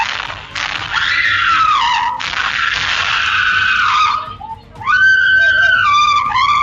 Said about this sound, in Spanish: Ambos están armados, así que a la cajera no le queda otra que gritar arriesgando el pellejo.